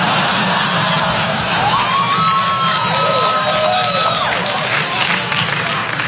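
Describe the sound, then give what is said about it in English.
A large audience at a comedian's show in San Francisco, including people from San Jose, claps and cheers steadily for several seconds in answer to being asked to clap if they own a gun, a dense wash of applause with scattered shouts and a rising whistle cutting through near the middle. “Clap your hands if you own a gun.”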